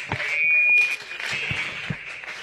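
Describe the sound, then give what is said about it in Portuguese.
An audience applauding for Jesus in a church service, steadily, a dense wash of many hands clapping at once, with a few low thumps underneath and a faint sustained high tone running through part of it. “Maravilha, mais forte as palmas para Jesus.”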